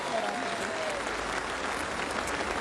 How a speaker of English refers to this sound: He's a champion of our game. Please, a round of applause for our Premiership Cup ambassador.